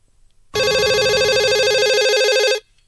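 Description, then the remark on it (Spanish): A telephone rings loudly and steadily for about two seconds, a bright trilling electronic tone with a rapid warble, then cuts off abruptly; no one answers and there is no talking. “Llaman a uno por teléfono.”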